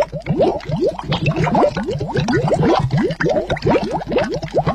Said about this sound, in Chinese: 水大火烧开，放入汤圆，小火微沸，用筷子轻轻搅动，让汤圆不至于粘连。